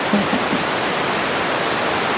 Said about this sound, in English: Okay. Lots of static, I assume. It just sounds like static and not so much like bats.